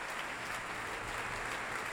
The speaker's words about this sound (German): Jetzt noch einmal Applaus für den Dirigenten auf der Bühne.